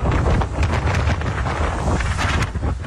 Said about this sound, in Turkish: Yer yer yağmur ve kuvvetli rüzgar etkili oldu.